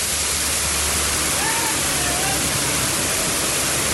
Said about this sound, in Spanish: ¿Qué aguacero hay en Centro Abastos? Llueve fuerte. Está cayendo como el cielo ahí, ¿no?